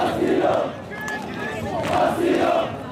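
A crowd of protesters, people from Sudan and Mali, chants in unison on a beach, loud rhythmic shouted phrases that swell, dip briefly in the middle, then rise again with the same cadence.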